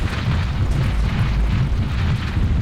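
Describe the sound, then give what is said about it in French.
A loud, continuous rumbling roar of a mudslide blocking the entrance of a cave, deep and heavy with a gritty, churning texture that stays steady throughout, with no voices. “Une coulée de boue vient d'obstruer l'entrée de la grotte.”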